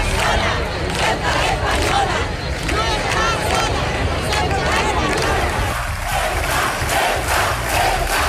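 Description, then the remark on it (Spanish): A large crowd shouts in unison, loud, rhythmic chanting that stays dense and continuous throughout, with overlapping voices and a steady roar underneath. “Gritos como estos recorrieron ayer las ciudades y pueblos de España.”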